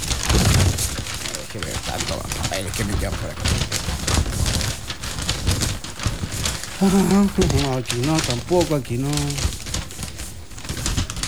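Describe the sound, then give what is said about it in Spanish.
Continuous rustling and crinkling of papers being shuffled and handled while searching through them at a radio station, with a man speaking briefly over the busy, scratchy noise. “Déjeme ver a los papeles por ahí.”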